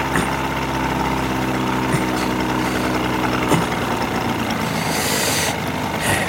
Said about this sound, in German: näherte sich dem Dreimaster bis auf 50 Yards und drosselte den Motor.